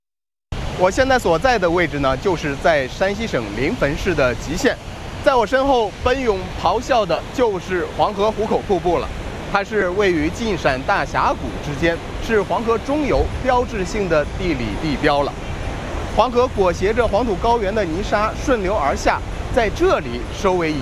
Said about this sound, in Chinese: 我现在所在的位置呢，就是在山西省临汾市的淇县。在我身后，奔涌咆哮的就是黄河壶口瀑布了。它是位于晋陕大峡谷之间，是黄河中游标志性的地理地标了。